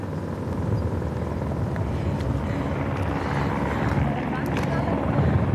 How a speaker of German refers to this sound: Also, am Hubschrauber hängt jetzt wahrscheinlich ein Luftretter. Ja, ziemlich sicher ein Luftretter. Es hängt jemand dran. Ja, und wir sehen jetzt gerade, wie sie die Person ablassen.